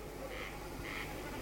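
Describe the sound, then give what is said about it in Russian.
A common snipe drumming in flight by vibrating its tail feathers, over a meadow at evening twilight: two short, tremulous bleating hums, each about a quarter second, fairly high-pitched and faint over a steady background hiss with occasional low thumps. “Наперебой кричат коростели, и время от времени, вибрируя перьями хвоста на лету, блеет барашком бекас.”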